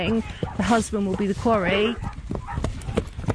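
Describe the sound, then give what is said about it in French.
A pack of hounds that have tracked joggers' trail over a 5 km run bays and yelps in overlapping, rising cries as they run toward the finish point, with scattered clatter and commotion underneath. “Le moment le plus excitant, c'est quand tous ces magnifiques chiens courent vers vous”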